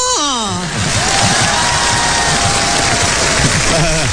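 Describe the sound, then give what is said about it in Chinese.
A large audience claps loudly and steadily throughout for performers at a crosstalk comedy stage performance, with shouts and cheers rising over the dense applause, and a voice calling out near the start and again at the end. “感谢大家热情的掌声”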